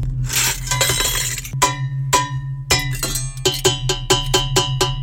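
A stainless steel kitchen pot clanks and rings: a rattling scrape first, then sharp metallic strikes that fall into a quickening rhythmic pattern, each hit leaving a bright, bell-like ring.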